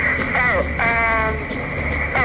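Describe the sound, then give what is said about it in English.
A steady, high-pitched electronic beep tone of an answering machine recording, marking the end of the recorded information, runs through the whole stretch, with a muffled, radio-like voice speaking over it. “It's when you hear this noise, you know, this beep, that she gives the end of the information.”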